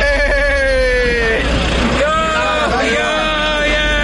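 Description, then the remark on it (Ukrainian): Loud road traffic on the approaches to Uman, Ukraine, where queues of dozens of buses stretch for kilometres, with the steady drone of large engines idling and revving, their pitch rising and falling, continuous for the full few seconds. “Під'їзди до Умані нагадують гігантську автостоянку. Черги з десятків автобусів тягнуться на кілометри.”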